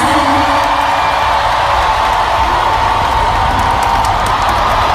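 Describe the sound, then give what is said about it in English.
A large concert crowd roars and cheers continuously, a dense, loud wash of voices with scattered whoops and clapping that holds steady for the whole stretch. “The crowd, they went bonkers.”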